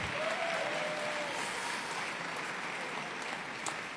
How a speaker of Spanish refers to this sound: Ahora un fuerte aplauso de honra.